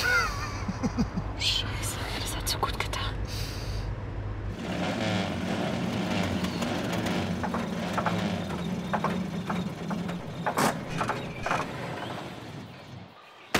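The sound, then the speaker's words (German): An old bus engine rumbles low and steady, then the bus drives too fast through a pothole, setting off loud rattling and clattering as it bounces, with a sharp bang near the end. “Viel zu schnell durch dieses Schlagloch gerast. Sowas hält doch so ein alter Bus nicht aus.”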